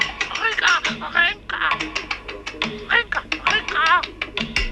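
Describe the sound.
A parrot squawks and chatters, its raspy, warbling calls coming in quick speech-like bursts with only brief pauses throughout.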